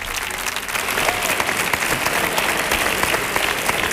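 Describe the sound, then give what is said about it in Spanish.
A studio audience applauds Lucy and Carlos steadily, a dense wash of many hands clapping at once, loud and sustained throughout with no talking over it. “Fuerte el aplauso para Lucy y Carlos.”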